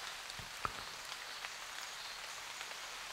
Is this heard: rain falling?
yes